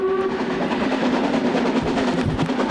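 A train rolls along the rails with a loud, steady rumble and rattle, a faint horn-like tone sounding briefly at the start.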